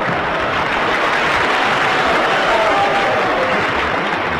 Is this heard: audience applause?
yes